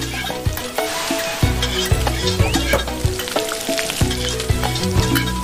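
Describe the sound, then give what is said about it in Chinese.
Garlic sizzling as it fries in hot oil to release its aroma while a dish is cooked, a loud, steady crackling hiss that runs unbroken through the whole stretch with no one talking. “好，放蒜， 爆香。”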